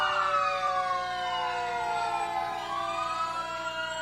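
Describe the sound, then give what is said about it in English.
The siren of Crete Fire Department Engine 31, from Crete, Nebraska, about 10 miles to the north, wails steadily with sweeping, overlapping tones that rise and fall, loud, with a low engine rumble underneath and no talking. “Next, Crete Fire Department. Oh, and here's Crete, Nebraska's, 10 miles to the north of us. Engine 31.”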